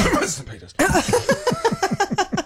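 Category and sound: human body sound, coughing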